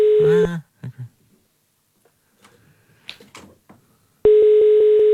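A call to a mobile phone: a loud electronic phone tone sounds briefly, then near silence with faint clicks and murmurs, before a steady, sustained call tone comes in and holds to the end.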